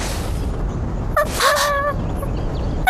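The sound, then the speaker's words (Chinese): A little wolf-dog puppy gives a short, sharp yip followed by a longer, high-pitched whimpering whine, heard once against a steady background hiss, moderately loud. “小狼狗，那个方向。”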